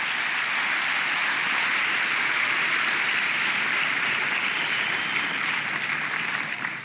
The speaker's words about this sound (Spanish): Sí, apláudale, vale la pena, hermano, vale la pena aplaudirle.